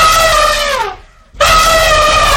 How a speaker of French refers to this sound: Oh, écoute, que se passe-t-il ? Au secours ! Ce sont des éléphants !